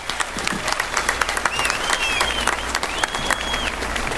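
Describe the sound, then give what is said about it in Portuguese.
Steady audience applause for a singer, a dense wash of many hands clapping at a consistent level, with a few faint whistles rising above it partway through. “Tem que sair com palmas esse homem.”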